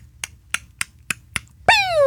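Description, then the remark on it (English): A vocal imitation of a bottle rocket firework: five sharp, evenly spaced snapping clicks, then a loud, high whistling tone that slides steadily downward in pitch and holds to the end. “Oh, that was a bottle rocket.”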